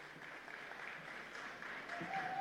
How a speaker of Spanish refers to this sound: lo invitamos a subir al escenario. Fuerte el aplauso.